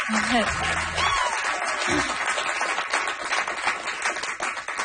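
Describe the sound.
A crowd applauds two musicians before they perform, clapping steadily for about five seconds, a dense, fairly loud patter of many hands, with a few whoops and cheering voices rising over it near the start.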